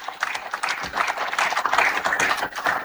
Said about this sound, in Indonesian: Tepuk tangan untuk Ketua Panitia.